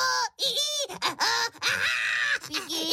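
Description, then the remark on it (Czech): A voice imitates squealing baking paper with a string of shrill, wavering squeals and whines, several bursts in quick succession, loud, while describing the baking-paper tray where glazed banana pieces are set after dipping. “S ječícím papírem. A papír vám krásně zaječí. Takhle.”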